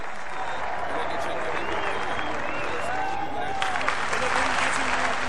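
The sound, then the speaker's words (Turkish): A large crowd in a big square at a Turkish oil wrestling match applauds the wrestler Adalı Halil steadily and loudly, with cheers and whistles rising above the dense clapping throughout. “Tabii o da kendisini alkışlayan taraftarlarına selamlar dağıtarak iri gövdesini sallaya sallaya en son olarak yağ kazanının yanına geldi ve yağlanmaya koyuldu.”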